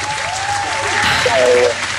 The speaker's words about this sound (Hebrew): אבל רק בגלל שזה שיר טוב, אנחנו ככה נותנים לך את הכפיים.